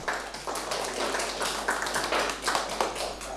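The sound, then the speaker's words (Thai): A class of students clap their hands for a classmate in steady, overlapping applause for a few seconds, moderately loud, with no talking over it. “ฝนจะตกแน่ใช่ไหม ใช่ครับ ปรบมือให้เพื่อน”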